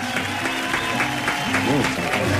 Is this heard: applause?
yes